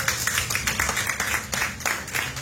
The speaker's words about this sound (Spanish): Denle una ofrenda de palmas al Señor.